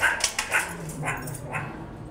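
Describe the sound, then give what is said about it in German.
Several short, sharp meerkat calls, yippy and chirping, repeat about every half second, with no talking. “Keine Frösche, sondern die Erdmännchen.”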